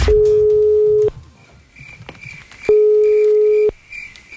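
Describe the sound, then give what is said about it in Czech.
A telephone ringback tone rings twice, each steady one-second beep separated by a pause, as a Croatian radio show's prize call to a listener goes unanswered. Faint background hiss fills the gaps and no one speaks. “se nije javila na telefon, što znači da je propustila svoju priliku”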